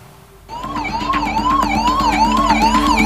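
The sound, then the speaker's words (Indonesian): An ambulance siren wails in a steady rising-and-falling pattern as ambulances arrive to carry the injured and dead from a clash among inmates at a prison in Negombo, Sri Lanka. It is loud and continuous, starting abruptly after a brief quiet moment, with a low engine rumble underneath. “Ambulans pun silih berganti berdatangan untuk mengangkut para korban luka dan tewas”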